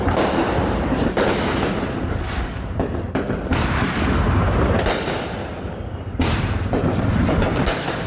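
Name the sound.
fireworks exploding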